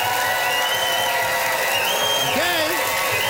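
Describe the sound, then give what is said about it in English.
A studio audience cheers and applauds loudly and steadily for a few seconds as it votes for a contestant, dense clapping mixed with whoops and shouted voices rising and falling throughout. “Listen to that crowd.”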